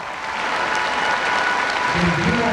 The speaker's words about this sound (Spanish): Antes, con la generosidad de ustedes, un aplauso a la ….